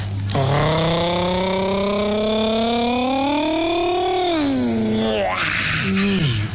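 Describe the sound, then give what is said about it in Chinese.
A voice imitates a delivery drone, a small aircraft with a wooden box hanging beneath, bringing a jianbing order to a dorm window: one long, loud, buzzy droning hum whose pitch slowly climbs, then slides down, ending with a brief lower wobble. “不是吐了， 那是 无人机送货。 无人机怎么这动静？”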